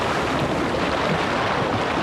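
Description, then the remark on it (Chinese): A steady, full-bodied roar of ocean surf washing against the shore, continuous with no distinct breaks, mixed with a touch of wind buffeting the microphone. “这大海又说了”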